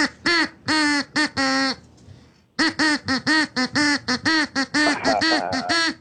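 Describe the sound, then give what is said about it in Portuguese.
A duck quacks a rapid run of loud quacks that rise and fall in pitch like a tune, singing a stretch of a song, with a brief pause before the rhythmic quacking resumes. “Tá, então atenção, pato. Preparado, pato? Tá, então canta, pato.”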